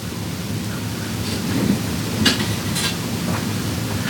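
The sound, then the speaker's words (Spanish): A dense wash of rain-like noise with a low, continuous rumble of thunder underneath and a few sharper crackles breaking through, steady and moderately loud throughout, no voices. “la Glorita que nos dice que también no le tiene miedo a los truenos”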